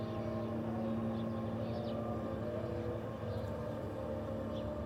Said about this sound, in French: Toujours il y a des bombardements, toujours il y a le MK. MK, c'est une petite avion d'espionnage. Avec le son zzz, tout le temps.